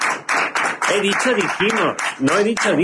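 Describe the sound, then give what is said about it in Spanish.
Steady applause from a small group fills the few seconds, with voices calling out and chattering over the clapping. “Pero, por favor, fuerte aplauso para...”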